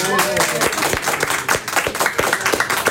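A festival crowd at the Essen Light Festival breaks into steady applause, dense overlapping claps with a few sharper individual hits, loud and continuous throughout, with faint voices mixed in underneath.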